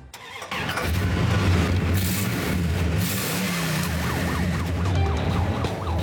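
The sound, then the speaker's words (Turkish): The 413 V8 engine of a 1963 New York police car with a sheriff logo cranks and roars to life, settling into a loud, rumbling idle, then a wailing siren rises and falls repeatedly over the engine noise. “Bu bebeği çalıştırabilir misin?”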